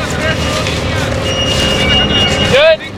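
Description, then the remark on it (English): A tractor engine rumbles loudly and steadily, then revs with a quick rising whine near the end before dropping off, as it helps roll cut strips of sod almost 4 feet wide, harvested at night for the World Cup stadium in Seattle. “A tractor revs up to help roll them.”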